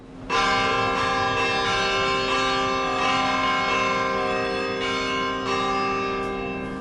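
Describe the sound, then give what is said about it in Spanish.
Church bells ring out loudly and continuously, overlapping strikes blending into a rich, sustained peal with renewed clangs every second or so, no voices present. “Y las campanas nos recuerdan que llega el momento de abrir los tesoros custodiados en los archivos de las catedrales iberoamericanas.”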